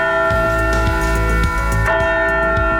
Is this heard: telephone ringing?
no